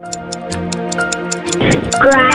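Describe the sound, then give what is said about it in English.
A 10-second countdown timer clock for the game Morning Scramble ticks rapidly and steadily over a sustained droning tone, with voices breaking in toward the end while the ticking continues. “I've got 10 seconds on my clock.”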